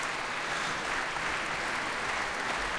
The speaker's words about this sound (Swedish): Applåder alltså för Västerås Sinfonietta, Musica Vitae och radiokören. Dessutom med organist ikväll.